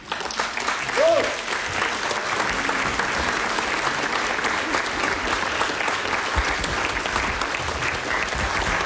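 Steady, dense applause from an audience greets a guest speaker as he comes forward, a broad wash of clapping with a brief tonal whoop or cheer near the start, then continuous clapping without pause.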